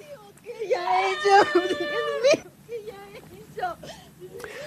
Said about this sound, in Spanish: La mujer que grita en el video